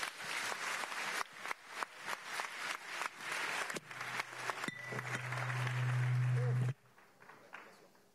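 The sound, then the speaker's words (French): A crowd at an event in Avignon, France, with Christine Lagarde and Antonio Costa applauds with dense, steady clapping that swells for several seconds, a low hum rising beneath it, before the applause cuts off abruptly into quiet. “Directoire de la BCE, donc c'est un type formidable, pour applaudir.”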